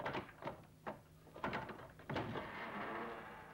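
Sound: door being opened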